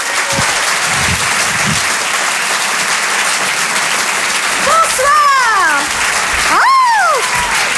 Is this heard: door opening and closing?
no